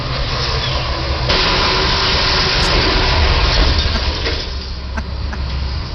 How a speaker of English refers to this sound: See, now watch. There goes the car. Light changes.